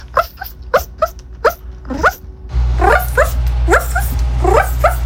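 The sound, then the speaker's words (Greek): A person from abroad who identifies as a dog imitates a small dog, letting out a quick series of high yips with a brief whimper, and the sound continues over a sudden louder steady background hum. “Λοιπόν, αυτό εδώ πέρα που ακούτε θα μπορούσε να ήταν σκυλάκι. Δεν είναι όμως σκυλάκι. Είναι άνθρωπος.”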